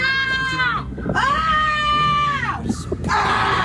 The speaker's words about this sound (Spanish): Bueno, ¿qué, ahora... ¿Le vas a gritar otra vez?